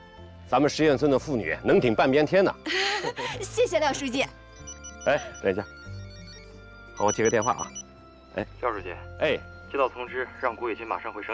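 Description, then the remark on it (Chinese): A telephone rings with a melodic, warbling ringtone that plays in several loud bursts separated by short pauses, sounding clear. “哎，等一下，好，我接个电话啊。”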